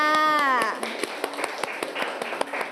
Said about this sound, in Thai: เด็กๆคะปรบมือให้กับทั้งสองกลุ่มด้วยค่ะ